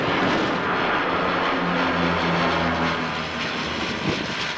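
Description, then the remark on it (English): A loud, steady propeller engine drone from a Canadair firefighting plane fighting a forest fire in the forest of Fontainebleau, south of Paris, France. Its low humming tone shifts slightly in pitch as the plane passes overhead. “Astonished residents watched iconic Canadair firefighting planes, typically associated with fighting southern fires, working for the first time in the Paris region, instead of scooping water from the Mediterranean.”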